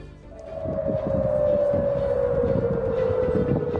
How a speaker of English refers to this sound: Sirens have sounded across Jordan after the military says it shot down three Iranian missiles.